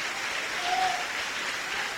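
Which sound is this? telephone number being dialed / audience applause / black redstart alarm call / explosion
audience applause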